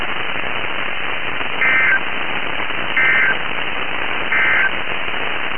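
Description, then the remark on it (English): Three short, evenly spaced beeps of a radio warning alarm tone sound over a steady hiss of radio static, each burst lasting about a third of a second. “Another radio warning alarm to GDS signal.”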